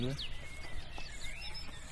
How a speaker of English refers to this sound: They're a wren, isn't it? They're a wren, isn't it?